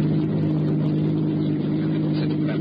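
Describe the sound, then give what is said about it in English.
A car engine roars loudly and steadily, a deep continuous drone with a strong low hum running the whole time as it pulls hard in a high gear. “Now, put the car in high.”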